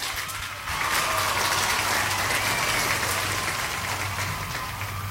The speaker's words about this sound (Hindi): And उसके साथ साथ जिन लोगों ने मैसेज किया है हैट्रिक के बारे में, बिल्कुल सही जवाब दिया है सबने, इसलिए सबके लिए बजेंगी तालियां।